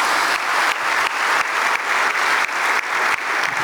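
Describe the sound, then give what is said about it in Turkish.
A crowd applauds steadily in support of the athletes who wear the Galatasaray jersey, a dense wash of many hands clapping at an even loudness throughout, with no voices standing out above it. “Değerli hazırım, Galatasaray forması giyen tüm sporcularımıza buradan bir destek alkışı da göndermenizi sizlerden özellikle rica ediyorum.”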